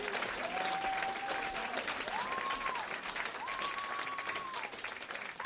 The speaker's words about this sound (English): Wow, I think we should give him one more round of applause. That was pretty incredible.